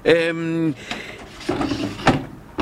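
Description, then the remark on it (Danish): A voice imitates the door of a cat live trap snapping shut when the cat, eating at the far end, steps on the plate inside: a drawn-out, humming tone followed by a few sharp, percussive bursts amid talk. “Ja, så går den op og spiser heroppe i den anden ende, og så når den træder på pladen herinde, så siger det gong. Bang! Og så er katten fældet.”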